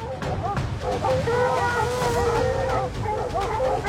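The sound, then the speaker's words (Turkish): A pack of hunting dogs in the mountains bark and bay excitedly at a large female lynx they have caught, their overlapping, drawn-out howls and yelps loudly filling the whole stretch. “Hey köpekler, sakin olun, tamam. Tanrım, sakin olun. Oradan çıkın. Bu vaşağı yakaladılar.”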